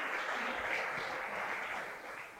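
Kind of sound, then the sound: crowd, church audience applause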